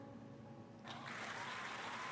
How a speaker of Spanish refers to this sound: ¡Aplausos!